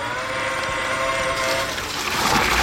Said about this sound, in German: ein Gießroboter. Also sieht aus wie so ein großer Bollerwagen, nur da ist eben kein Bier drin, sondern Wasser